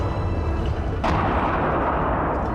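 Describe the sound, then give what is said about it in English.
Fireworks boom in East Beirut as Christians celebrate, amid a constant dense rumble, one sharp loud bang cutting in midway and leaving a sustained roar of crackling noise behind it, with no talking. “There's chanting, there's singing, there's fireworks going off.”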